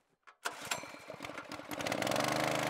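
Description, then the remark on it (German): A small engine-driven water pump, set up beside the Aller during a drought to pump oxygen-rich water from a canal into the Aller culvert to help fish, starts up with a sputtering cough, then settles into a loud, steady, rapid mechanical chugging that grows smoother and more even. No one speaks. “Ich habe jetzt die Motorpumpe aufgebaut, um halt in den Allerdüker dann Wasser zu pumpen vom Kanal mit hohem Sauerstoffgehalt, sodass wir dann die Entengrütze nach hinten spülen, dass wir es gezielt abfischen können und gleichzeitig frisches Wasser”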